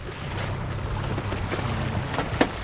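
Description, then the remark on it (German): A small uncrewed drone boat with two electric motors and a top speed of 30 knots speeds across water, a steady rushing hiss of spray over a low engine hum, with a few sharp splashes slapping near the end. No one speaks. “Ausgestattet mit zwei elektrischen Motoren, erreicht diese Schwimmdrohne eine Spitzengeschwindigkeit von 30 Knoten.”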